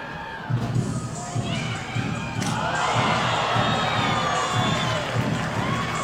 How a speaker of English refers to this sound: Well, despite the Bisons trailing by eight, fans are still cheering each other on when catching foul balls in the stands.